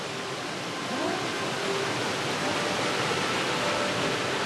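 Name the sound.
waterfall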